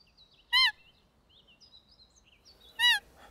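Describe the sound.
Two short, piercing squeaks from a whistle imitating a female roe deer's call to lure roebucks during the roe deer mating season, spaced about two seconds apart, with faint birdsong chirping softly in the background between them.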